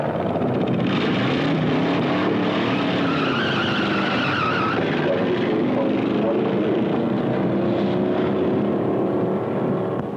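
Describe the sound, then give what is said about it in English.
A car engine roars steadily as the vehicle drives by, its pitch rising and falling with the revs, and a thin squeal of tires slipping briefly on pavement midway. “This is the place to test your car, see what it'll really do.”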